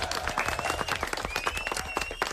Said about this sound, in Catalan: Fort aplaudiment. Molt bé.